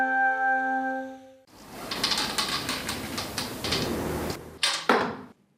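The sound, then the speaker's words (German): A bowstring creaks as it is drawn taut, followed by a sharp release, a brief whoosh of the arrow in flight and a solid thud as it strikes the target, with no talking. “Eine Bogensehne wird gespannt, losgelassen, der Pfeil fliegt ins Ziel.”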